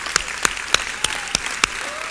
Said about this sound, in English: Go ahead and clap your hands with me.